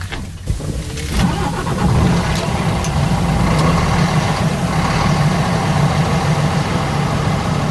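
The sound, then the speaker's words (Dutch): An old-fashioned diesel truck engine, started with a key, cranks briefly and catches within the first second, then settles into a loud, steady, low rumbling idle that continues without talk. “Nou, daar zitten we dan. In een echte ouderwetse dieselvrachtwagen.”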